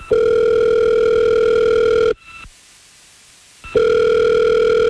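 A telephone ringback tone purrs loudly and steadily for about two seconds, falls silent briefly, then starts a second long ring, as radio station K99.1 FM places a call to a listener. No voices, just the tone through the line.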